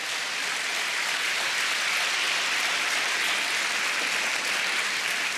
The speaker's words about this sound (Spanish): Dele palmas. Oh, dele palmas al Señor, dele palmas, dele palmas.